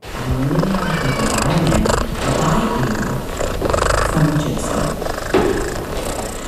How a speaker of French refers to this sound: On entend les ronronnements d'un chat siamois.